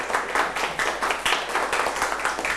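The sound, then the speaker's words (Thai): A class claps for classmates after a group answers the teacher's question, a steady patter of many overlapping hand claps with bright, crisp hits sustained at an even, moderate loudness across the whole stretch, no voices standing out. “โอ้เยี่ยมมากค่ะปรบมือให้เพื่อนค่ะ”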